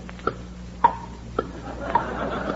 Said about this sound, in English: You are aware that it is nearly 12. In case you weren't, I brought this clock. Listen.